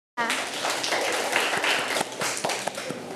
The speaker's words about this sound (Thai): เก่งมากลูกเด็กๆปรบมือให้เพื่อนค่ะ